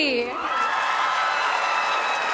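A crowd at a 159th Canada Day celebration cheers loudly and steadily, a dense wash of voices with high whoops and shouts rising out of it, sustained without a break.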